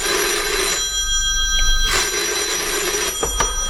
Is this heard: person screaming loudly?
no